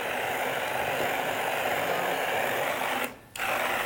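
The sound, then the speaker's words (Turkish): A hand blender whirs steadily at a high motor pitch, pureeing thick tarhana that has been soaked in water, then briefly cuts out before starting up again. No one speaks. “Değil beklettiğimiz mi tarhanaları şimdi hayatım el blenderıyla geçiriyoruz.”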